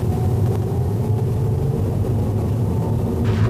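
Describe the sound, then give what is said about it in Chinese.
Steady low rumble of a car driving west to east on Yunhe East Street, joining the back of a queue of traffic at an intersection with a smart traffic signal showing green. Continuous engine and road noise fill the low end, with a brief hiss of passing traffic near the end; no talking. “目前我们是由西向东行驶在运河东大街上。”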